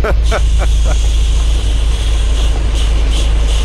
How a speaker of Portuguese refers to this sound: É o som da chuva na boleia do nosso ouvinte, ó.